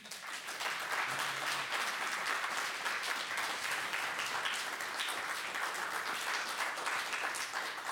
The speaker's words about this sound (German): Das ist Ihr Applaus.